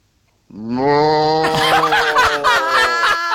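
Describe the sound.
A man imitates a cow's moo: one long, loud, low voiced drone that turns rough and raspy halfway through and holds for about three seconds before cutting off.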